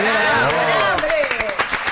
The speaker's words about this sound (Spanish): No se te entiende con los aplausos.